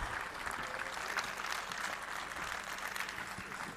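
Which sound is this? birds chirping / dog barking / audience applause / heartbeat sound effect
audience applause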